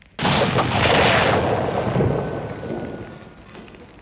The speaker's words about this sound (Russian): Ух, ракеты вместе с газом взорвались. Хорош фейерверк.